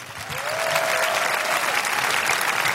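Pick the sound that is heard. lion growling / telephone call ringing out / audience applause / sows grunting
audience applause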